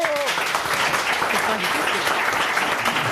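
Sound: audience applause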